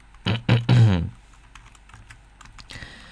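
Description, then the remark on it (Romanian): A few loud keystrokes clatter in a quick burst at the start, followed by a scattering of lighter, faster key taps on a computer keyboard as someone opens a web page. “Păi, vă spun acum, stai să deschid pagina.”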